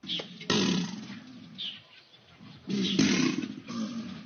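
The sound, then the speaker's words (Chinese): Previously quiet Chinese alligators bellow in a few deep, rumbling roars in hot, muggy weather as a thunderstorm approaches. Each roar lasts about half a second or more, loud, with brief gaps between them and no one speaking. “天气闷热，雷雨将近，原本安静的扬子鳄突然发出一阵阵的吼叫声。”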